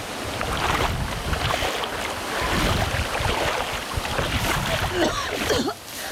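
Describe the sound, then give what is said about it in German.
Steady splashing and churning of water as someone swims to the shore, like strokes through choppy waves, continuous and fairly loud, with a rushing wind-like wash underneath. “Ich muss jetzt erstmal aus dem Wasser hier raus. Lass uns ans Ufer schwimmen.”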